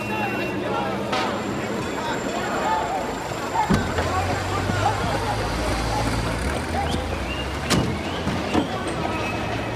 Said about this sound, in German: Da fährt ja nicht jeden Tag in so ein schönes Auto.